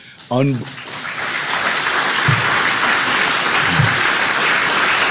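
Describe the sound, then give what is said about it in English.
A crowd breaks into sustained applause, a dense, steady wash of clapping that swells quickly after a brief shout and continues loudly throughout, with a few faint voices underneath. “Let me tell you, you're not clapping for me. You're clapping for what God's done with me.”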